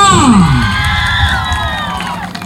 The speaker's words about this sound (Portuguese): Como ficou definido pelo jurado, que a plateia definiria pelos gritos, pela torcida, então ficou em terceiro lugar a nossa candidata,